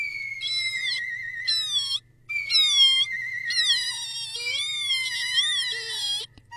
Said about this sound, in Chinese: 鼠娃娃呀，拼命地挤眼泪。接下来呀，就哭起来了。鼠娃娃的哭声好奇怪呀，又尖又高。